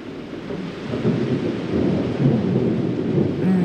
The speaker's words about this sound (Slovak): Máš rada dážď?